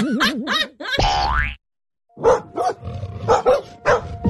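Quick run of about six sharp, aggressive dog barks, fairly loud, following a few cartoonish boing and swooping sound effects and a short pause.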